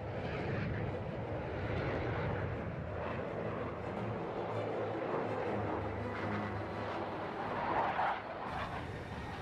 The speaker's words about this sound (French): Mais par contre, après, une fois que l'avion est parti en vrille, c'est un peu lui qui fait ce qu'il veut.